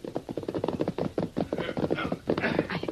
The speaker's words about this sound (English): Yeah, it's the posse, all right. No prisoners. The horses sound tired.